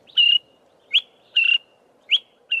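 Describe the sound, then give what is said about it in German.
A small grey-brown honeyguide bird of eastern and southern Africa calls repeatedly in a steady rhythm, alternating longer whistled notes with short sharp chirps, clear over a soft low background hum, as it flies ahead, perches on a branch and calls again. “Der kleine, graubraune Vogel fliegt ein Stück voraus, setzt sich auf einen Ast, ruft dann wieder.”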